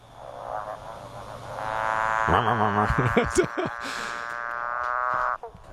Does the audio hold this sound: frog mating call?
yes